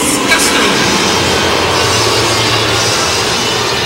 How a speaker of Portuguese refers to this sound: bastante vaia para o treinador Luiz Castro. Hoje, pelo menos, né, daquela partida contra o Mirassol, teve um pouquinho mais de aplausos, mas mais vaias ainda para o treinador do Grêmio do que aplausos.